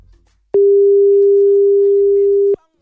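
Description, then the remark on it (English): The ringing tone of an outgoing telephone call sounds once: a steady, pure electronic beep held for about two seconds, loud as if through a handset, starting and stopping abruptly, with no one speaking. “I'm trying to call Pim Pim so that he can help me to do liar. Let me try it. Oh, okay. It's ringing again.”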